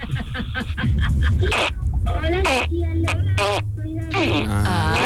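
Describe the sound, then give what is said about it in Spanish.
A child's voice imitates a duck, making a string of buzzy, nasal quacks in quick bursts, fairly loud over a steady low background hum. “puedo imitar a un pato.”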